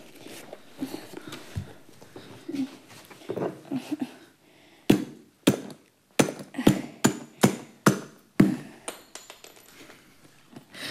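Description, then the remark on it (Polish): Muffled voices and shuffling give way to about nine sharp, loud hammer blows on a nail in a steady, even rhythm, followed by a few lighter taps. “Był gwóźdź, gwoździa nie ma. A ty masz już młotek.”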